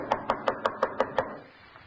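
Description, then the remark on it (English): Seven quick, evenly spaced knocks rap on the door of a house whose doorbell is out of order, in a steady rhythm, each a sharp hollow thud, followed by a brief quiet stretch. No one speaks. “I had to knock.”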